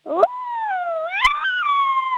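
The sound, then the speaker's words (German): A person imitates an angry wolf howl with one long, wavering vocal cry that rises, sags, jumps higher, then slowly falls. It is steady, with two brief catches in the voice. “Okay, und jetzt mach noch einen bösen Wolf draus.”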